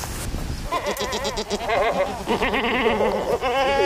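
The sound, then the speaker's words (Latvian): Several goats bleat nearly continuously, their wavering calls overlapping outdoors on a goat pasture along a hillfort, with no one speaking over them. “Gar pilskānu dodamies uz kazu ganībām.”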